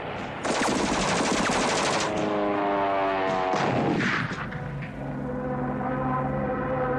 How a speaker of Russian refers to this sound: Пулеметная очередь проходит в полуметре от плеча Лопахина.